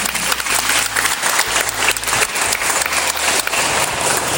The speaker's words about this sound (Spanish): Aplausos para él.